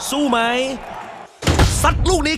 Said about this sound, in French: cette bouteille de bière fraîche, véritable tentatrice qui l'attend dans son frigo, mais sous le regard un peu anxieux et encourageant de sa femme et son fils, il referme la porte sans y toucher.